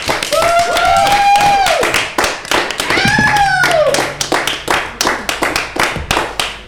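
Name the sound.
studio audience clapping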